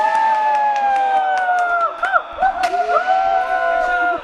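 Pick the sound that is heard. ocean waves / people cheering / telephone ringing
people cheering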